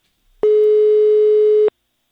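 A telephone ringback tone on an outgoing call to the mayor's office in Őrtilos at half past seven in the morning: one steady, loud electronic hum lasting just over a second, heard clearly on its own with silence before and after.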